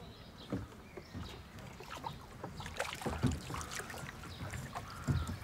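A single oar sculls a blue rowboat back and forth through water using the old technique called Wriggen, with repeated splashing and swishing strokes, creaks and knocks of wood, over a steady outdoor background.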